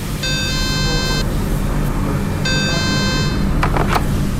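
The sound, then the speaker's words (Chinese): A fire phone in a clothing factory's production workshop in Pei County, Xuzhou, Jiangsu, rings out unanswered as inspectors call the fire control room: two buzzy, one-second electronic ring tones separated by a pause of about a second, over a steady low background hum, with a few short knocks at the end. “现在我们用这个消防电话给消防控制室打电话，值班人员一直没有接听，好，我们再等一下。”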